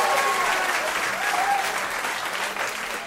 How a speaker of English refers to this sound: Give it up for Vaseline Man. Round of applause for Vaseline Man.